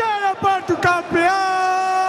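A football player bellows a long, drawn-out shout into a microphone during a team celebration party, loud, with a few sharp vocal bursts at the start before settling into one sustained, amplified yell.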